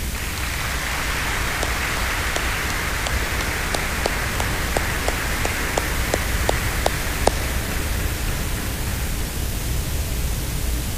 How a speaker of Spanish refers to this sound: En este día en que estamos celebrando la fiesta de la transfiguración del Señor, nos alegramos también por la presencia de la Santísima Virgen, Nuestra Señora del Cisne, a quien le ofrecemos un caluroso aplauso.